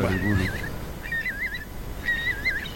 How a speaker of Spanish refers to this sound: Y alguna gaviota reidora, que es esta que se ríe por aquí cerca.